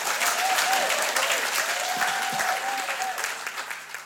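Sustained audience applause, a dense steady wash of many hands clapping at full strength for the whole stretch, easing slightly toward the end, with no one speaking over it.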